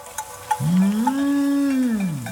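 A cow in the mountains lets out one long, low moo that swells and then tapers off, clear, with a few faint bell-like tinkles just before it.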